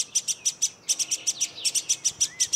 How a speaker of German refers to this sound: So langsam nervt die Drossel.